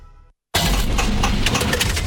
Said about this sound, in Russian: Слышали? Так прощается двигатель. Коррозия, перегрев и привет, капиталка.